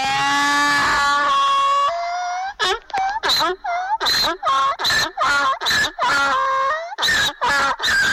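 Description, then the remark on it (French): A donkey brays loudly, starting with a long drawn-out call and breaking into a rapid run of rhythmic, rasping hee-haw gasps. “L'âne qui, dans cette fable, servira de trompette pour effrayer les gens.”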